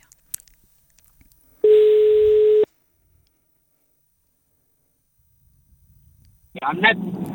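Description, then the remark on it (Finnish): A single steady telephone ringing tone sounds for about a second while a live call is being placed, loud and clear over near silence, followed later by a voice beginning to speak. “Soitanko? No niin, tästä lähtee.”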